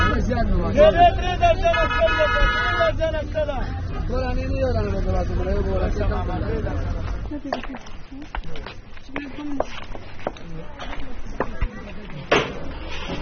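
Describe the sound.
A dense crowd in the aisles of a bazaar, with groups of women jostling and young boys selling plastic bags: many overlapping voices form a steady, loud murmur, giving way halfway through to scattered clatter, knocks and shuffling movement under quieter chatter.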